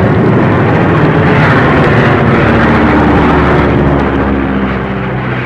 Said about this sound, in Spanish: La tormenta estaba desatada en toda su fuerza. La pequeña avioneta se perdía entre aquel mundo de viento y lluvia huracanada, y los reflejos de los relámpagos encendían de blanco los nubarrones.